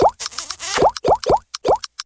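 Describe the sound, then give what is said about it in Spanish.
A rapid flurry of bubbly notification pops from text messages with emojis arriving on a cell phone, then four or five distinct rising 'bloop' blips in quick succession with tiny high ticks between them. No one speaks. “Para unos, el amor puede tener el sonido de mensajitos con emojis al celular.”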